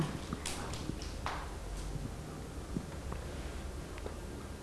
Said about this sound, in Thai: เก่งมากค่ะเด็กๆปรบมือให้